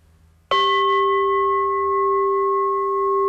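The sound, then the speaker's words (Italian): A meditation bell is struck once, loudly, to mark the start of a meditation session. Its clear metallic tone rings on steadily with layered overtones and no voices. “segno l'inizio della meditazione con 3 colpi di campana e la fine della meditazione con un colpo di campana.”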